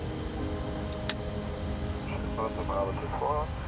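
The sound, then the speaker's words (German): An aircraft's second engine starting up, spooling up into a steady, droning whine over a deep rumble, with a sharp click early on and muffled voices murmuring faintly in the background. “Engine number two start.”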